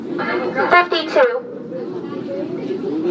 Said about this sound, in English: You can hear Mitchell's before you can see it. There's the crowd gathering on the sidewalk outside under the polka-dotted sign and workers calling numbers from a loudspeaker.